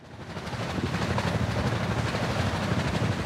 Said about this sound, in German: Und so hört es sich unter Wasser oft an. Seit der Erfindung propellerbetriebener Schiffe vor 150 Jahren hat sich der Lärm in unseren Meeren stetig erhöht.